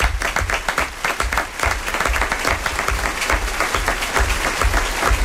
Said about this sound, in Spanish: Así termina nuestra primera función de esta temporada, nuestro primer relato, es el relato carcelario del Quijote de Cervantes. Un aplauso para todo nuestro elenco.